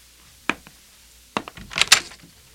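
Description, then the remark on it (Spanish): A door is opened: a single sharp click, a short pause, then a quick cluster of latch rattles and bright scraping clunks as it swings. No one speaks. “Abriré la puerta.”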